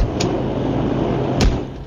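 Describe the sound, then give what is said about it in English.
A door opens and then shuts about a second later, each marked by a short, sharp knock over a steady rumbling background noise, fairly close by. “Here, step outside this door.”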